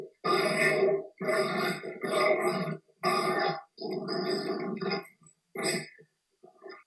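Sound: dogs grunting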